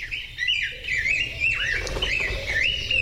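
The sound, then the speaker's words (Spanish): A bird, recorded in Puebla and taken from xeno-canto, sings a continuous series of high, warbling and squeaky notes that rise and fall, loud, with faint background hiss and no voices. “Con datos del Laboratorio de Ornitología de Cornell y el Grupo Naturalistas y Observadores de Aves, audios de Manuel Groseled en Puebla y Peter Bisman en Puebla, tomados de xenocanto.org.”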